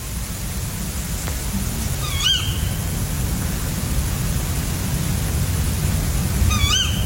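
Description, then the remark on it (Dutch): Two brief, harsh tawny owl calls, a hoarse male's call followed by the female's contact call, ring out a few seconds apart over a steady low rumble of background noise at around 3 a.m. on Wednesday 5 August in Keerbergen, near Mechelen. “Vannacht, woensdagochtend 5 augustus, hoorde ik rond 3 uur de roep van dit schorre bosuilmannetje hier in Keerbergen, in de buurt van Mechelen.”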